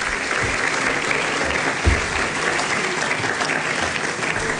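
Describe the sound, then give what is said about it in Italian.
Steady audience applause for minister Tajani on his arrival, a dense wash of many hands clapping at an even level for several seconds, with no one speaking over it. “Se mi fate un applauso per favore al ministro che è arrivato.”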